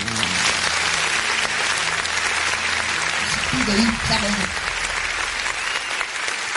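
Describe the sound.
Steady, dense applause from a crowd fills the whole stretch at an even loudness, a canned clapping sound effect played from a studio button by the show's production in praise of the Military Police, with a brief murmur of voices rising underneath midway.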